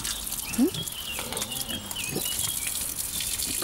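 A few short, low grunts from pigs having muddy fun, spaced irregularly with one louder grunt early on, over a steady hissing background with no talking.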